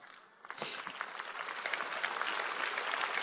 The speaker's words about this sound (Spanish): Vamos, si le vas a dar un aplauso a él, dáselo fuerte.